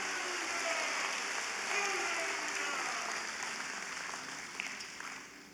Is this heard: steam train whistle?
no